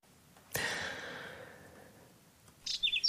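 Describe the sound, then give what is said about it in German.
A whinchat gives a few quick, high chirps near the end, fairly clear, following a soft breathy whoosh that fades out over the first seconds. “Braunkehlchen zwitschern, Störche kreisen am Himmel, Biberbauten sind zu sehen.”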